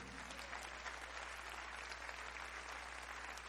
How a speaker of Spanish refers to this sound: ¿Cuánto glorifican al Señor en esta hora? Apláudele al Señor si le va a aplaudir.